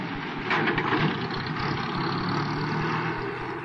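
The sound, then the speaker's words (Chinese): A small car's engine rumbles steadily, with a brief swell of noise near the start as it pulls up and brakes suddenly, then an even drone that continues throughout. No one speaks. “晚上，林道静刚走到一个背景地方，忽然一辆小汽车开到他身边，猛然刹住。”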